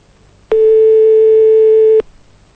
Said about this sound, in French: Il y a bien quelqu'un derrière ce numéro de téléphone qui n'a pas voulu décrocher.